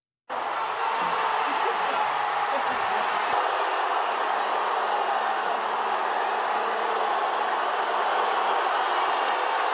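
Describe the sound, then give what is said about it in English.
A huge crowd of thousands of Portuguese fans in Toronto, at the World Cup, erupts into a loud, sustained roar of cheering as a player comes out and shows his face; it starts abruptly and holds at a steady, dense, wall-of-sound intensity for nearly ten seconds. “He's standing up asking them to cheer louder and louder, and just listen to the reaction when he comes out and shows his face to the thousands of Portuguese fans in Toronto.”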